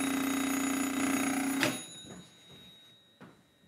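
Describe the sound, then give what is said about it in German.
An old landline telephone bell rings with a dense metallic jangle for about a second and a half, then stops abruptly, leaving a few faint clicks and knocks. “Und das hier nenne ich mal einen Klingelton.”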